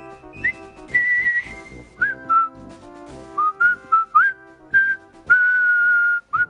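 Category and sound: whistled military march tune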